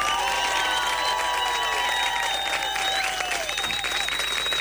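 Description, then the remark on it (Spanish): Loud, sustained audience applause with cheering and whistles over the clapping, a dense crowd roar that stays steady from start to finish. “Un aplauso rabioso”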